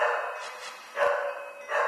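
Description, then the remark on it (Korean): A dog, Ppoppi, barks sharply at noise from another household in repeated bursts, three loud barks spaced roughly evenly, with a strained, agitated quality and a faint background hum between them; its barking measured over twice the inter-floor noise standard. “남의 집 소리에도 마찬가지.”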